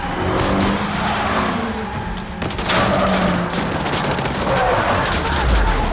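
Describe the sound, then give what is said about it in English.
A burst of rifle fire from special ops officers crackles over the roar of an ambulance engine and skidding tyres as it reverses at speed and handbrake turns, the shots coming as rapid sharp cracks mixed into dense, loud vehicle noise. “Yanking the paramedic out of the driver's seat, Morgan gets in, reverses at speed, then handbrake turns as the special ops start firing their rifles.”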